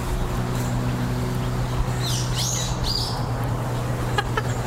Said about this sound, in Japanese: ちょっと考えてる間、鳥のさえずりを聞きください。